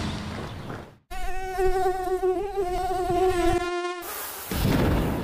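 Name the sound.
mosquito buzzing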